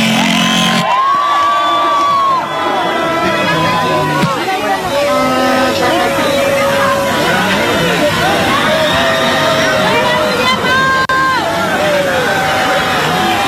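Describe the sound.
A large crowd cheers loudly and continuously in an ovation for Paraguay's national team, the Albirroja, on its arrival in the country, with whistles, shouts and whoops rising over a dense roar of voices, sustained at full volume throughout.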